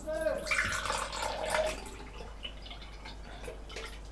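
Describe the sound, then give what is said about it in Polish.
Juice from canned pineapple is poured off into a cup, a steady splashing trickle for about a second and a half that then thins into faint, scattered drips. “Oczywiście najpierw odlewamy sok do kubeczka.”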